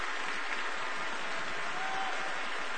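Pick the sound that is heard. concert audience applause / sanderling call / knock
concert audience applause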